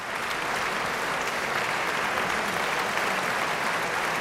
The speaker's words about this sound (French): Et l'on retrouve encore quelques instants les applaudissements du public de Bâle.